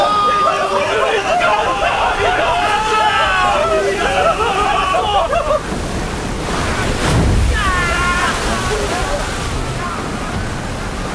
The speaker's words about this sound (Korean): 그때 폭우가 거세게 쏟아지고 다시 거친 파도가 뱃전을 때렸다.